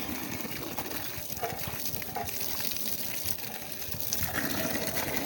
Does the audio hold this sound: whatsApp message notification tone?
no